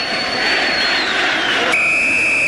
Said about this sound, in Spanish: Ahí está el pitazo de Carvajal. Ha terminado este primer tiempo. Cuarto de final de la Copa Chile.